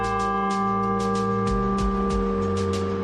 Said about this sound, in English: there is a friendship bell or freedom bell here on this 27th floor. It was given by the Kiwanis Club in 1960s, and it's you have to be about 6'2 or over 6 feet to touch it, but I like to have guests come up and ring the bell.